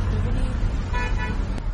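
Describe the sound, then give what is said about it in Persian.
Steady road rumble of passing quarantine vehicles during the coronavirus outbreak, with a horn sounding briefly in the middle, a short honk standing out over the continuous engine and traffic noise. “اینم ماشینای قرنطینه”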